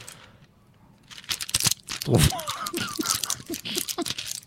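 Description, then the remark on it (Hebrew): A plastic bag of toothpicks crinkles in a run of sharp, irregular rustles for several seconds, with faint voices murmuring underneath. “עוד שקית של קסמים. של קסמי שיניים.”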